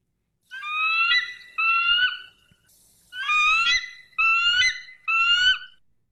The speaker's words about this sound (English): So people are saying the eagle, but you guys don't understand. This is the eagle sound. You know what I'm saying? This is the American bald eagle.